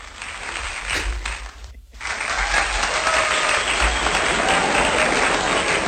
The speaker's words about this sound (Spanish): Bueno, pero este aplauso no es para mí, Adrián. Este aplauso es para ti por habernos ilustrado durante esta temporada, pues una vez más, con interesantes cuestiones que tienen que ver con la meteorología,